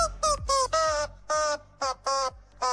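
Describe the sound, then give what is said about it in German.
A rubber chicken dog toy squeaks out the melody of a hit song in a series of loud, nasal, honking squeals of varying pitch and length, with brief pauses between notes and no talking. “Ist ein Hundespielzeug, hier so ein Gummiding, ne? Das Bello, Hasso und Co. in den Mund, ins Maul nehmen und das dann so lustige Geräusche macht”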